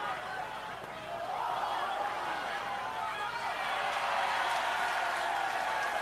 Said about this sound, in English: Fans below us cheering as the fan captured that high pop foul, but on the bounce. He didn't catch it clean.